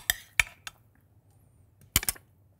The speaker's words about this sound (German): Wir haben einen Mixer. Da packen wir jetzt unsere Zutaten rein, den Kürbis und die Zwiebel.